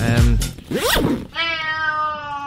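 A cat meows loudly, a couple of quick rising-and-falling meows followed by one long, drawn-out yowl that holds steady until the end. No one speaks.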